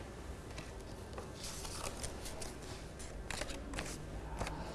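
Scissors snip through red paper in a straight line, a run of quick, crisp cuts, fairly quiet, with irregular rhythm and faint rustling between snips; no one speaks.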